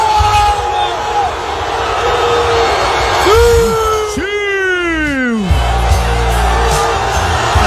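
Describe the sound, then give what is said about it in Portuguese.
A crowd of Portuguese football fans cheers outdoors at the door of the national team's hotel in Toronto, celebrating the team's qualification: a steady dense roar of voices with a few loud, sweeping whoops and yells rising above it midway through. “Festa da torcida portuguesa, a porta do hotel em Toronto.”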